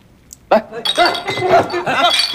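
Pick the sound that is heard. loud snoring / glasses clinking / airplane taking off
glasses clinking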